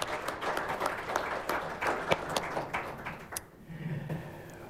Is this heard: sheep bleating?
no